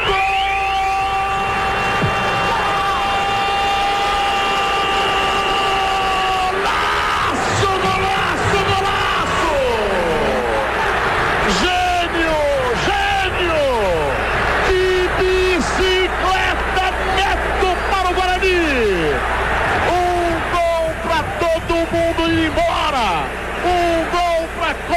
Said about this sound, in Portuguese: E a torcida corintiana bate os pés, bate as mãos, bate mais forte o coração.